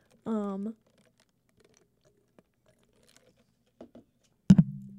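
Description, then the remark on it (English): A short voiced hum, then quiet with faint wet mouth clicks of someone sipping a drink, ending in a sudden sharp knock like a cup set down. “Excuse me, just took a sip of my drink.”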